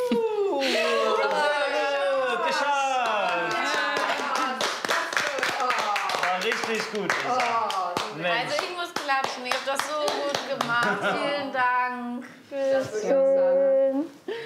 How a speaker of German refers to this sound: Oh, also ich muss klatschen, ihr habt das so gut gemacht. Vielen Dank. Sehr gut gemacht.